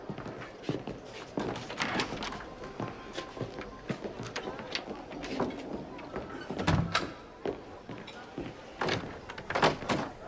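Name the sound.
door being closed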